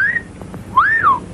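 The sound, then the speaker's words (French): A young boy wolf-whistles at a young blonde woman, model Tippi Hedren, walking down the street in a TV advertisement for a diet drink seen in October 1961: a brief high note, a short pause, then a loud swooping tone that rises and falls away. No talking. “Une jeune femme blonde marche dans la rue et lance un regard malicieux à un jeune garçon qui la siffle.”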